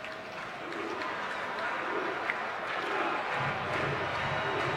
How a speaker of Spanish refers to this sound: El público aplaudiendo rítmicamente, haciendo ruido, animando a Zach Nero, el intocable, con el número 9 en la camiseta del uniforme